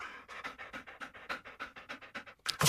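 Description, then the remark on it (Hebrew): A dog named Kuki pants rapidly and steadily, about a dozen quick breathy puffs in a regular rhythm, fairly loud, ending in a sharper burst of breath. “אני לא צריך גם מרק מריר כלבים.”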